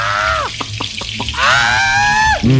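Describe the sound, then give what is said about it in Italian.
Fish frying in hot oil, a steady sizzle under two long, high whining squeals, with a quick run of four soft knocks between them. “se l'acqua calda ti ha resuscitato, l'olio bollente ti metterà a tacere. Dio ladro, ora ti friggo.”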